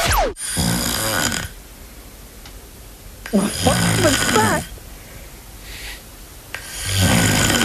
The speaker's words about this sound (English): That is the sound of … snoring.